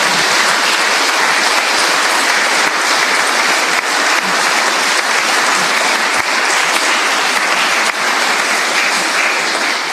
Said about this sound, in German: Ich glaube, die haben jetzt auch einen Applaus verdient.